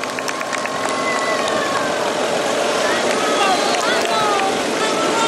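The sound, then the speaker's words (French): A motorcycle riding alongside the cyclist Quelmoz runs steadily for the whole stretch, a loud, continuous drone whose pitch rises and dips slightly as it keeps pace, with a rushing wind-like noise underneath. “Quelmoz à l'honneur d'une moto.”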